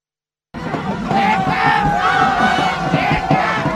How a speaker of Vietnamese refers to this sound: Và Việt Nam vang lên cũng là lúc các cổ động viên tại phố đi bộ Nguyễn Huệ hò hét trong sung sướng.